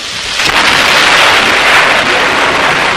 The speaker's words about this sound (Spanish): Afuera se escuchó el sonido de un rayo y comenzó a llover.